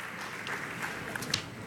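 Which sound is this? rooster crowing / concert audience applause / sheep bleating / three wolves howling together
concert audience applause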